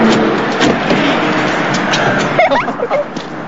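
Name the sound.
car stopping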